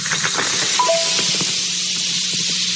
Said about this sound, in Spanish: Bueno, más mi compa, ahí le destapé la caguama.